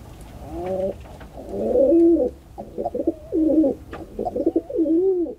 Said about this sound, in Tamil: நம் நேயர் அடுத்ததாய் தேர்வு செய்திருக்கக்கூடிய பறவை புறா. இதன் குணம் அமைதி, தூய்மை மற்றும் உண்மை மாறா அன்பு என சொல்லலாம்.